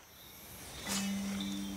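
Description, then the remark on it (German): Frogs call at night in the rainforest of the Reserva Otonga: a low, steady droning trill begins partway through and holds, joined later by a thin high note, over a constant hiss of nocturnal insects. “Mit der Dunkelheit werden die Frösche in der Reserva Otonga aktiv, wie Giovanni Onore das Gebiet inzwischen benannt hat.”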